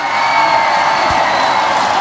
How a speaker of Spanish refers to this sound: Un fuerte aplauso para México. Vamos a darle un fuerte aplauso también a nuestros hermanos del Salvador.